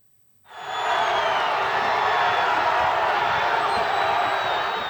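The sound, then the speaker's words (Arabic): A dense crowd roars and cheers continuously after a brief silent start, a loud, sustained wash of shouting voices and whoops as football fans celebrate in the streets of Paris, France, after the French national team qualified for the World Cup semi-final. “في فرنسا احتفلت الجماهير في شوارع باريس بتأهل منتخب الديوك إلى نصف نهائي كأس العالم للمرة الثالثة توالية.”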